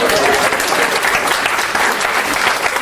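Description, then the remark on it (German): An audience breaks into steady, dense applause, many hands clapping together in a continuous, even wash of sound with no voices standing out. “Ein Applaus”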